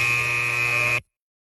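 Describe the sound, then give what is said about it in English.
An alarm clock goes off at 6:30 a.m.: a loud, harsh electronic buzzer blares steadily for about a second, then cuts off abruptly into silence. “6:30 a.m. Your alarm goes off.”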